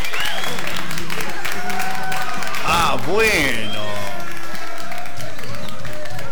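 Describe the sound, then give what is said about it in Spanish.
A crowd claps and cheers continuously and loudly, with a voice calling out over the applause partway through. “¡Fuerte los aplausos!”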